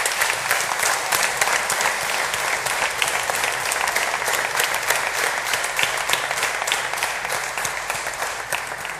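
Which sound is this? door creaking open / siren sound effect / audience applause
audience applause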